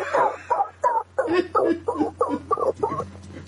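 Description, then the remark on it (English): A dog barks in the distance, a run of about eight short barks in a fairly steady rhythm, sounding far off over a low background hum. “He threw far away dog in there, and I appreciate far that.”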